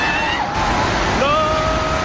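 A loud, steady roar of rushing floodwater from a flash flood inundating the area between Nepal, India and China fills the whole clip, with faint wavering tones like shouts or a siren rising above the torrent as hundreds of people try to flee the water.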